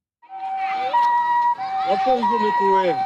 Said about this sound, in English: The sound of ambulance sirens carrying Ebola victims has become very familiar in Ituri province in the northeast of the Democratic Republic of Congo.